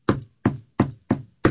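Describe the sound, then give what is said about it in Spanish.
Five firm knocks on a wooden house door, evenly spaced in a steady rhythm, clear with no voices. “Si están llegando a la puerta de tu casa. ¿Quién?”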